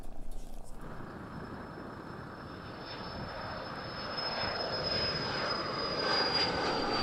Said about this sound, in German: Auch sie fliegen mit einer Chartermaschine nach München, wo noch in der Nacht ein Schwerkranker wieder selbstständig atmen wird mit der neuen Lunge.